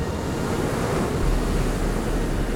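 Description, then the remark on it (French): Ocean waves lap and churn steadily with a broad, rushing wash and a low rumble, gusts of wind buffeting underneath; no voices, just continuous water noise at an even loudness. “C'est bon, c'est bien le clapotis de l'Ouest.”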